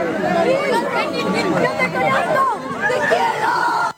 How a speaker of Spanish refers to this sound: No sé si me puede escuchar un chiquitito ahí, el griterío.